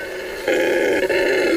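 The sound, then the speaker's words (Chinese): A male red howler monkey roars among Brazil nut trees in the Tambopata jungle, a deep, sustained, rumbling call that swells suddenly louder partway through, with a brief dip near the end, loud with no talking, carrying up to 5,000 metres along a fast river. “这叫声来自一只雄性的红吼猴”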